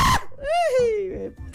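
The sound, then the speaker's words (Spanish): A single wild, drawn-out human scream, loud, rising in pitch and then sliding down over about a second before cutting off, with a brief noisy burst just before it. “Eso es un grito salvaje, eso es un grito.”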